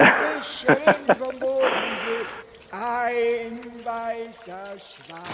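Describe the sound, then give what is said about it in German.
Choppy splashing and sloshing of water in a few quick bursts, followed by a voice humming and vocalizing in drawn-out tones, as if playfully imitating a boat moving along; presented as a grandfather paddling around in a paddle boat. “Das ist gerade der Opa, der fährt gerade mit dem Paddelboot umher.”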